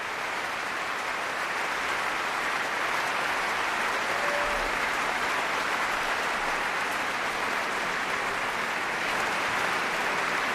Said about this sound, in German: Und da kam gerade der Leiter vom Chor und hat die Chorsolisten aufstellen lassen. Und dieser ganz besondere Applaus, der gilt dem jungen Solisten vom Tölzer Knabenchor,